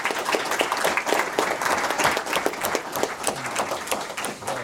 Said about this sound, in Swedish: Och ska de få en jättestor applåd.